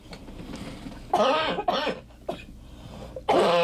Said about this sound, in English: I'm not contagious. I'm just, this cough will go away and I can't take steroids because of reasons.